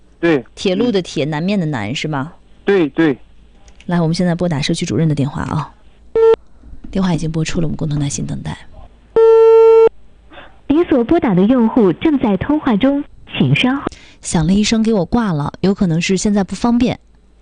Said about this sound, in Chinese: 来，我们现在拨打社区主任的电话啊。电话已经拨出了，我们共同耐心等待。 您所拨打的用户正在通话中，请稍后。 响了一声，给我挂了。